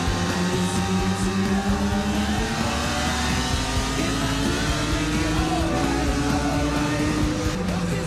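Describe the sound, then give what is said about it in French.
The engine of Kenny Roberts's factory Yamaha 750 racing motorcycle roars loudly and steadily for the whole stretch while being ridden, its buzzing harmonic tone climbing slowly in pitch as it revs, with no voices over it. “Pouvoir rouler sur une vraie moto d'usine, la 750 Yamaha de Kenny Roberts.”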